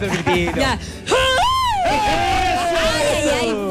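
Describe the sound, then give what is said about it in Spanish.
A crowd at La Fonda de Todos during the fiestas patrias lets out a loud celebratory shout after a toast: brief excited voices, then a yell that leaps up in pitch and is held for a couple of seconds, slowly sliding down, with others cheering along. “y faltó el gritito.”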